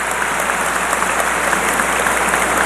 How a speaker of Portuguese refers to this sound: E hoje é o dia dela, Nossa Senhora Auxiliadora, vamos aplaudir lá, Auxílio dos Cristãos.